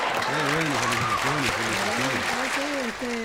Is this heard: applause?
yes